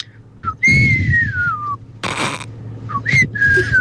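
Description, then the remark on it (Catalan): A person whistles the short melody of a song whose title they do not know, gliding between pitches in a few phrases, with a brief breathy burst of noise midway and a low background hum underneath. “Vaig escoltar una cançó un dia, però no sé el títol. A veure, i et, mira, fa així, se sent un xiulet que fa”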